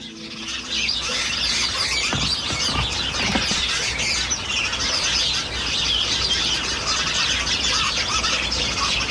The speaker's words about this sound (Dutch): Iedere avond hoort Agathe uit Dieren de mussen in haar voortuin.